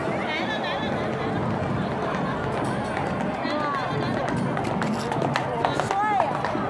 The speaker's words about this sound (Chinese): 随着马蹄声响，士兵从钟鼓楼策马而来，大型沉浸式历史实景演出就在宁远大幕开启。